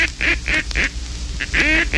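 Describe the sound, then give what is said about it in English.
A hunter's duck call blows a fast comeback call of loud, raspy quacks, about seven clear notes, one stretched into a longer drawn-out bleeding note near the end. “And there's that comeback call. Listen to that bleeding note.”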